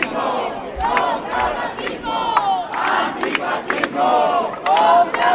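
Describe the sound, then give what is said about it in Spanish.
A large crowd of protesters at a rally against hate speech and racism in the Plaza de Cervantes, Santiago de Compostela, Spain, chants and shouts in unison, voices rising and falling in rhythmic bursts with sharp whistles cutting through, loud and continuous throughout. “Esto en el Obradoiro, mientras que a pocos metros, en la Plaza de Cervantes, colectivos sociales convocaban una concentración alternativa contra los discursos de odio y el racismo.”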